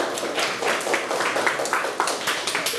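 A group claps steadily for a few seconds in a class, applauding the next student called up to speak, a dense, even patter of many hands at moderate loudness with no voices standing out.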